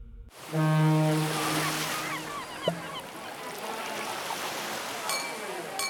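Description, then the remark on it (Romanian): Sea waves wash and crash steadily against the shore in a continuous, loud roar, while a deep ship's horn sounds once near the start and fades. “Valurile spărgându-se de țărm, terasele pline de oameni.”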